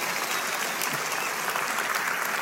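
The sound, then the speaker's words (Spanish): A church audience applauds God, a dense, even wash of many hands at moderate loudness, sustained without pause for a couple of seconds with no voices over it. “Vamos, dale un aplauso, dáselo fuerte a Él.”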